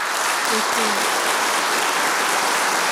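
A large audience claps steadily throughout, a dense, continuous wash of applause, with a couple of brief faint tonal sounds near the start.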